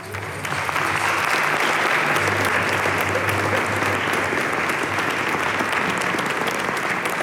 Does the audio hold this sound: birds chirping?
no